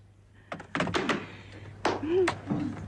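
A telephone receiver is hung up at the end of a call, with a few short plastic clunks and knocks, moderately loud, followed by another thunk and a brief low vocal sound.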